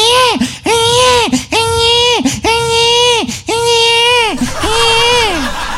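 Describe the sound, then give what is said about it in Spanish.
A voice imitates a baby crying during a spoken story: five loud, drawn-out wailing cries in a steady rhythm, each rising and falling, with brief breaths between them. “Entonces, por ahí aparece la masta Julia y le dice a la comadre Juanola, le dice, oíte Juanola, la guagua está llora y llora, vente, apura Juanola”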